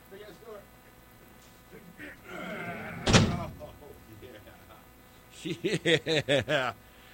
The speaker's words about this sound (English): Hey, here we go. Big ass door. What's going on here? Okay, here we go. Big ass door.